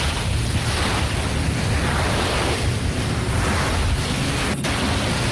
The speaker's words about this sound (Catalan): però us ho torno a posar, és fantàstic. Posa'm el mar.